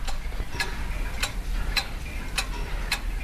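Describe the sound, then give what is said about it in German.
A quiet clock ticks steadily in the watchmaker's shop Zeit und Klang, about two ticks per second, each a crisp, faint click over a soft low hum. No one speaks. “Das hier ist das leise Ticken aus dem Uhrmachergeschäft Zeit und Klang.”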